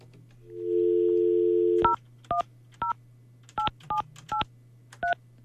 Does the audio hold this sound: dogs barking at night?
no